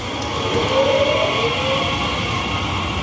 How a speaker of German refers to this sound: Zugdurchsagen, bremsende Waggons und das Rollen von Koffern. Was für viele nach Alltagslärm klingt